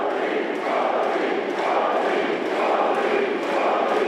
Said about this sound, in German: Bei Parteiveranstaltungen wie dem Wahlkampfauftakt im Juli in Magdeburg jubeln ihm einige tausend Menschen zu.